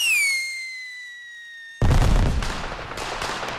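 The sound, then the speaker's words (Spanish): At night in a neighbourhood, a high, falling whistle gives way to a sudden loud crackling burst like gunfire, which keeps rattling and slowly thins out. No voices are heard. “Aquella noche, el rugido ensordecedor de la balacera fracturó el silencio del barrio entero.”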